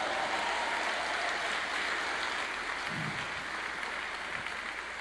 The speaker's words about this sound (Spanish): Le das un aplauso al Rey.